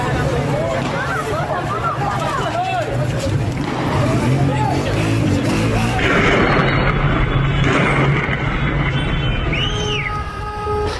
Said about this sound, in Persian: بوشهر، تیراندازی نیروهای امنیتی. بوشهر